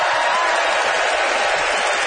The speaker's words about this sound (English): Listen to that crowd, Canada. Let's bring him out here.